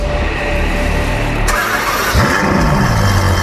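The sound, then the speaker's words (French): A red, streamlined Ferrari sports car engine rumbles, then catches with a sharp burst and revs up, its pitch sweeping upward in loud roars with no one talking. “Elle est rouge, profilée. Son moteur vrombit comme aucun autre.”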